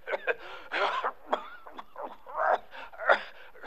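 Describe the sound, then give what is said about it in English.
A man coughs hard in a rough, rasping fit, several bursts in quick succession, fairly loud, with no talking. “That's a bad cough he's got.”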